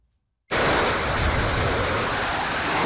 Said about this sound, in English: One fighter jet after another takes off from the USS Abraham Lincoln. Overnight missions amid rising tensions with Iran.